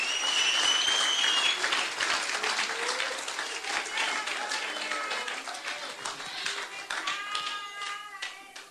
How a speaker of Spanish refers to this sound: Un aplauso fuerte al Señor en esta linda noche. Déselo fuerte, déselo fuerte.